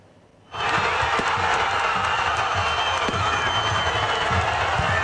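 A large crowd of football fans in Diyarbakır, Turkey, roars and cheers celebrating their team's promotion to the Süper Lig, a dense, continuous wall of shouting that bursts in suddenly after a brief quiet moment and stays loud throughout, with scattered claps and whoops.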